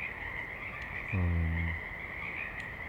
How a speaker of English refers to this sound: Mainly frogs, I think some birds in the recording, no planes otherwise.